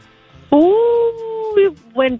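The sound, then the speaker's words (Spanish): A person's voice imitates a coyote howl: one long sustained rising tone, followed by two shorter yelping howls, loud throughout. “Creo como un coyote.”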